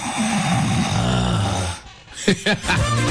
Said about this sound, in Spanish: Y que está roncando esta hora. Duerme más que pierda, hincha.